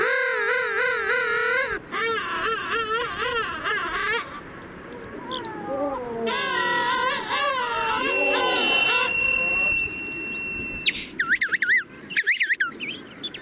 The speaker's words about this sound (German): Aber naja, bislang hat er noch nicht so richtig viel zu befürchten, der Königspinguin. Der Bilderbuch Schöne Vogel, der uns ein wenig in den Winter geleitet, nicht wahr?